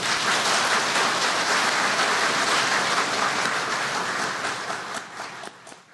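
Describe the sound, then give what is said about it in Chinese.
A crowd applauds to welcome Venerable Yuantong of the Hualien Dharma center, who is to lecture on the Diamond Sutra, in a steady, dense wash of clapping that holds strong for several seconds, then thins and fades out near the end. No voices are heard. “我们现在鼓掌。”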